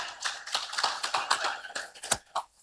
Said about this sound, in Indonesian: Kita berikan tepuk tangan untuk tiga delegasi kita.